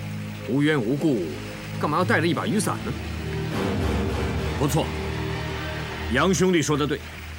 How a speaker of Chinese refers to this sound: 不错，杨兄弟说的对，我相信绝情谷一定在瀑布后面。